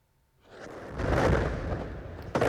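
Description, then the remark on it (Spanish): A heavy explosion from an Israeli airstrike on a building in central Gaza swells out of near silence into a deep, rolling roar that lingers, with a second sharp jolt near the end. No voices. “Esta es la explosión en una de las zonas atacadas, un edificio del centro de Gaza.”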